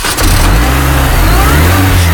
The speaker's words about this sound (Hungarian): Na akkor most megmutatom, hogy indul a világ első pálinka meghajtású autója. Figyelj!